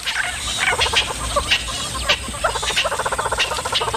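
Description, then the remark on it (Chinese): Birds give loud, harsh alarm calls at a female leopard to warn their companions, overlapping bursts of rapid chattering, clucking notes that repeat in fast rhythmic runs throughout, with no voices present. “这些鸟类对花豹满是戒备，只要看见花豹就会发出响亮的叫声提醒同伴。”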